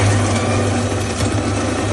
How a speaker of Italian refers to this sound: Qualcuno però ci ha mandato la propria macchina del caffè, cioè proprio l'audio.